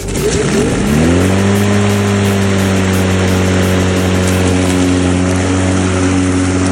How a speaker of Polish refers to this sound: No i pięknie będzie kosiarka. Powinniśmy puścić kosiarkę w zapętleniu godzinnym.